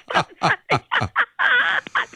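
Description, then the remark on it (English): A voice imitates a cuckoo clock call: five quick, evenly spaced hooting bursts, then a longer wavering note and one short final hoot, fairly loud with no other talk. “I like that he thought it was a real cuckoo clock”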